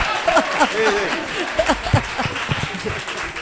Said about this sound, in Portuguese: Bueno, pero vamos a darlle un aplauso